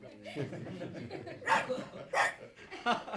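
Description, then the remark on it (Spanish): A small, faded-looking female dog gives three short, sharp yaps spaced about half a second apart, loud, after a brief murmur of voice at the start. “Vino a recibirme una perrita desteñida con cara de solterona.”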